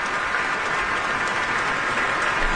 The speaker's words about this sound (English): And now all three have turned around once more to applaud in unison.